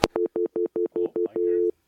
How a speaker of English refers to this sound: just hear a dial tone. There you go. Okay.